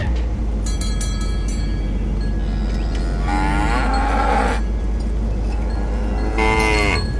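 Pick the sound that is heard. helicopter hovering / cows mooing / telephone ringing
cows mooing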